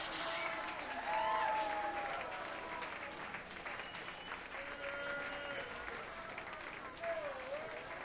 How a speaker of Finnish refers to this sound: Kiitos, kiitos, kiitos, kiitos. Vielä vähän voi taputtaa kyllä mun puolesta ainakin.